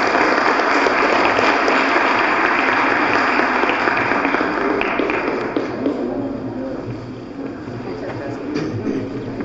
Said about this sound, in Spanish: Les damos un aplauso y una foto, vengan.